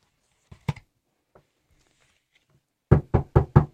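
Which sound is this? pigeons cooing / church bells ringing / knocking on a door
knocking on a door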